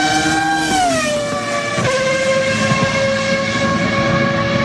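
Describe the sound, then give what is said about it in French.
A loud Ferrari sports car engine roars steadily, its high whining pitch dropping in the first second and then holding at a constant rev with a rich, buzzing tone. No voices. “Et vous avez raison parce que ce sont trois Ferrari”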